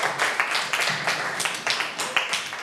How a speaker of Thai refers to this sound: ขอเสียงปรบมือให้กลุ่มที่5นะครับ